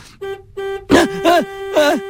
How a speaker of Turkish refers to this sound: Neden korna çalıyorlar ki? Trafik lambası yeşil yanmış.